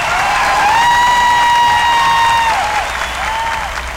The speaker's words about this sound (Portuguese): salva de palmas